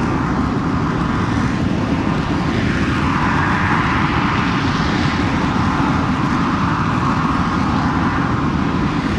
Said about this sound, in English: Here goes 5 and 6. There you go. Your Blue Angels are now in the skies over here. And that's why they call it Jet Blast Bash. Yeah. Because you got the jet blast.